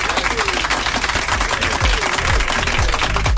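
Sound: round of applause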